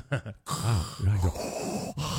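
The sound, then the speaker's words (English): A voice imitates the heavy, rasping respirator-like breath of a partner snoring, a couple of short puffs followed by long, drawn-out wheezing inhales and exhales, loud, with no words. “here's what people say their partners sound like when they snore. Number five, Darth Vader.”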